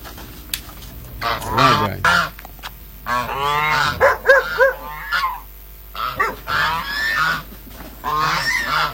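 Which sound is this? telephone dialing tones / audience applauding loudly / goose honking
goose honking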